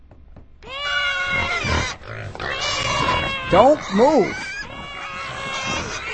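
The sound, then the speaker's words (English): Pigs grunt and squeal while being fed, with a couple of sharp rising squeals near the middle, while a person speaks briefly over the noisy, crowded sound of the animals. “All right, pigs.”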